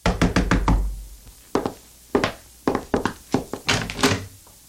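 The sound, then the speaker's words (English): Loud knocking on a door: a quick burst of several raps, a pause, then more knocks in uneven clusters, with no voices. “Soon she heard a knock on the door.”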